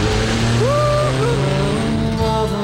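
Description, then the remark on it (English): A powerful turbocharged muscle car engine rumbles loudly, its pitch climbing in a sharp rev before settling into a steady, throaty idle with a second smaller rev near the end. “Now, imagine giving that car a kick up the exhaust pipe, turning it from a reliable runaround into a turbocharged muscle machine”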